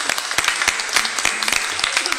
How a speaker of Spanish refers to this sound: Media vuelta y le damos un fuerte aplauso a estos jóvenes. ¡Lo animamos!